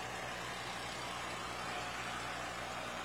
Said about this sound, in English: And we even have a few more non-registered tractors getting in to round things out here. But McCormick Dearing F20 Farmall.